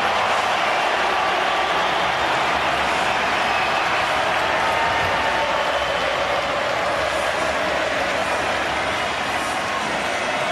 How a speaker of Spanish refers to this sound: Que aparece Messi se transforma en aplauso. Impresionante.